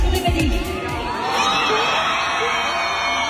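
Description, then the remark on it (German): A big concert crowd of fans at the Köln Arena in Cologne screams and cheers nonstop, a dense wall of high-pitched shrieks and whoops that stays loud and steady throughout, with no single voice standing out. “Der Kreisch-Counter, der war auf jeden Fall crazy, so laut und alle Tänze, ist ja auch klar.”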